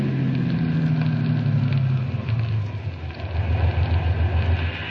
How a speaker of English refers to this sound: We'd better pull into this gas station. There won't be another for 20 miles.